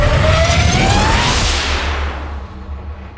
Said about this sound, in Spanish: Agárrate que nos vamos. Disparo en 3, 2, 1.